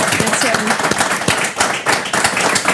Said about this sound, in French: Très bien, parfait. On peut l'applaudir.